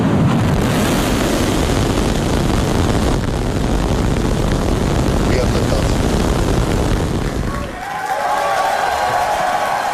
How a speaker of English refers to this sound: The largest and most powerful rocket in history launched from its new launch pad in Texas as SpaceX employees watched on. 5, 4, 3, ignition.